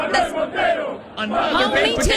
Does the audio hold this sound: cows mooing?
no